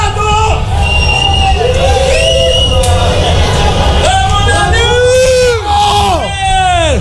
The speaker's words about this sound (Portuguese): Todo o Rio Grande do Sul tá ouvindo o buzinaço do torcedor colorado.